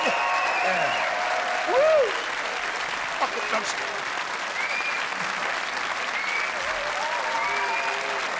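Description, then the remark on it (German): A crowd claps steadily and loudly for several seconds, a dense unbroken patter of hands, with scattered high whoops and cheering voices rising above it. “Applaus, Applaus, ja, ja.”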